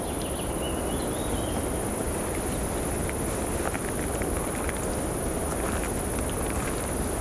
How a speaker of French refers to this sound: Le son aigu de l'insecte et quelques chants d'oiseaux diffus composent ce paysage.